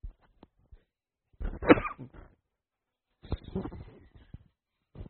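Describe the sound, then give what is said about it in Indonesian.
A dog barks in two short bursts about a second and a half apart, moderately loud, with a few faint clicks in the otherwise quiet gaps. “Ya digonggong.”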